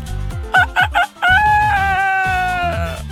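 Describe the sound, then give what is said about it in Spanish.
A voice imitates a rooster's crow as a sound effect: three short clipped bursts, then a long drawn-out cock-a-doodle-doo, loud with no other talk. “El de gallo, mi efecto de gallo.”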